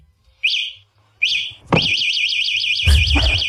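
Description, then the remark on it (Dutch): Two short rising electronic chirps, then a click and a loud, continuous high-pitched warbling alarm that rapidly oscillates in pitch, from a fatbike's anti-theft system, with a soft thump partway through. “Ja, dit is het alarm van een fatbike.”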